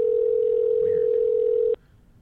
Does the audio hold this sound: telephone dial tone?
yes